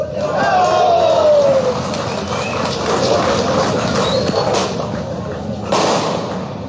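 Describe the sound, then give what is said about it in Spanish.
A large audience applauds steadily for several seconds for a representative of the Food Engineering degree program, the dense clapping mixed with shouts and a few whistles, loud throughout. “Fuertes los aplausos para nuestro estimado representante de la carrera de Ingeniería en Alimentos.”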